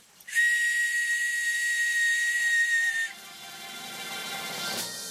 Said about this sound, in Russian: В прошлый раз Савелий мне глиняную свистульку подарил. Сказал, когда понадобится, свистульку дуньте, и мы появимся.